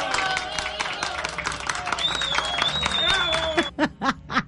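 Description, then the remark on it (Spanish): A burst of dense, steady applause with cheering and laughter mixed in, a high whistle-like tone rising above it midway, before the clapping cuts off and a few loud spoken syllables follow. “Un aplauso para ti. ¡Bravo!”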